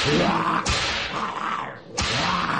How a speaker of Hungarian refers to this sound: Végül suhintottam egyet a korbácsommal, és ők hajbókolva, hátrálva kivonultak.